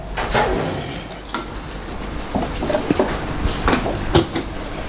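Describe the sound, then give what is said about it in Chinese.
A door is turned and pulled open, with a scatter of irregular clunks and knocks from the handle and frame over a steady low background hum. Nobody speaks. “你转门就挂上去，转门开门嘞。”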